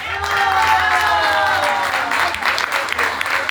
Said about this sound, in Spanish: Así que vamos a recibir con un aplauso al jefe del jurado. ¡Un aplauso!